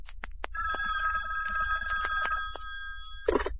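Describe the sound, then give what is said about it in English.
A hotline telephone bell rings steadily, a sustained metallic trill lasting about three seconds over a low background hum, ending with a brief clatter as if the receiver is picked up. “Now, hand me the hotline phone.”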